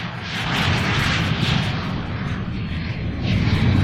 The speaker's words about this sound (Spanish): El pequeño jet devora la pista bajo la atenta mirada de los guardias de seguridad que flanquean en vigilancia. La pista número 4 está bajo absoluto control.